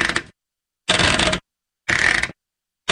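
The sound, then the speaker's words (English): Ratcheting, clicking bursts from a household washing machine's settings knob being turned, fairly loud, in roughly half-second spurts separated by brief silences, with no voices. “This is the washing machine's settings knob.”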